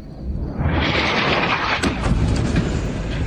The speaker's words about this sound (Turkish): Hava saldırısının düzenlendiği bina büyük bir gürültüyle yerle bir oldu. Binadan alevler yükseldi.